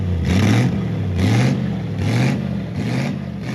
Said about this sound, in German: Wie bei diesem 8-Zylinder Pontiac-Rennwagen aus den 30er Jahren.